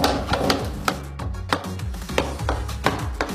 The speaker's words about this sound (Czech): Takže uvnitř je plamen, ano? Uvnitř je plamen, tam je ohniště a postupně se to ohýbá. Slyšíme praskání, ano?